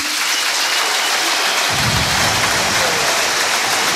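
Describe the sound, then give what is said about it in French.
A large crowd at the Francis Leblay stadium in Brest applauds steadily during a tribute to Éric Roy with both football teams present, a dense, loud wash of clapping with no voices standing out, and a deeper rumble swells in beneath it partway through. “Les applaudissements de Francis Leblay et beaucoup d'émotions, hein, Xavier Grimaud et Aurélien Tiersin sur place.”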